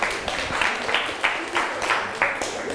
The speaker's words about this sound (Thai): นะคะนักเรียนเก่งมากเลยปรบมือให้เพื่อนกลุ่ม2หน่อย